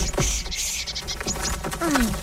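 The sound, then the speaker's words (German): A small bird gives a few quick, high chirps alongside light tapping as it pecks at freshly sown vegetable seeds in garden furrows, moderately loud over a soft background. “Guckt mal, da kommt ein kleiner Vogel und will eure Samen aufpicken.”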